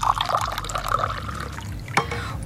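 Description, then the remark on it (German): Lime water pours steadily into a glass for a couple of seconds, a bubbling gurgle that ends with a brief splash or clink, with no talking. “Dann gieße ich Ihnen mal gerade auch etwas ein.”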